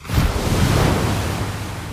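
Steady roar of North Sea surf washing in on the small island of Langeoog in the East Frisian Wadden Sea, a broad continuous rush of breaking waves with a low rumbling undertone and some wind noise, no voices.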